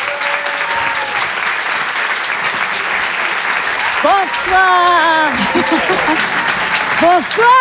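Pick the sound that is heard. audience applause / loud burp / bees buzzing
audience applause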